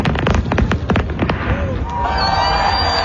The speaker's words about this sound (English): Fans also gathered at Harbourfront, where the skyline was lit up with an album release fireworks party.